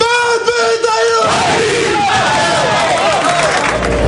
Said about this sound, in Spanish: Mantiene la tradición del Athletic de rezar en el vestuario y dar el grito. A ver el grito.